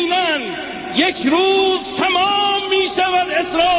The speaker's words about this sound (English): Yep. It's a funeral for the Supreme Leader. Yeah, and they're screaming death to America. You've got to throw in some hate for America and Israel as well.